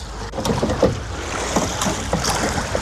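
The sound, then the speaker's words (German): Oars dip and pull through water as a para-rowing team rows a boat, with several splashy strokes over steady rushing water and light wind noise, and no one speaking. “Und zusammen sind wir das Pararuderteam. Rudern.”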